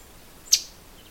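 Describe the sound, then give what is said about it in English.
A single loud, sharp chip call from a migrating northern waterthrush, a warbler, rings out once on a still October morning with no wind, brief and high-pitched with no other sounds around it. “What I'm watching is a northern water thrush.”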